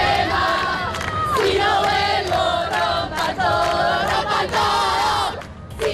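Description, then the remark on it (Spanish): A massive feminist protest crowd in Argentina, marching against gender violence, chants "Ni una menos" loudly in unison, high voices rising in rhythmic, repeated bursts with short breaks between phrases, sustained throughout before dipping slightly at the very end. “Y en Argentina, multitudinarias manifestaciones feministas al grito de ni una menos.”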